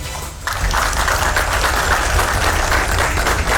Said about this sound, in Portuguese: Sob aplausos, mulher resgatada depois de 42 horas à deriva no mar, recebe alta do hospital no litoral paulista.